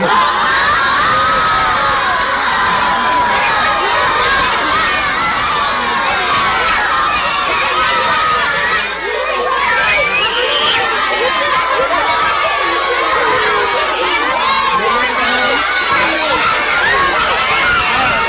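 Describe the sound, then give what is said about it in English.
A large audience cheers and claps loudly and steadily, with excited shouts and high voices mixed into a dense, continuous wall of crowd noise that holds throughout. “I know you want to clap some more, but we got one problem.”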